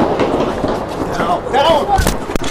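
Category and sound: impact, nearby gunshots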